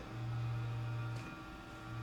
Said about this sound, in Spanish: Bueno, acá empezó a hacer un ruidito de ventilador. ¿Tá? Mimoso el ventilador de una computadora, perdón. Hoy me había escuchado algo raro. Ahora sí que es el ventilador.